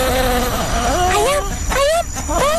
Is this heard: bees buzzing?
yes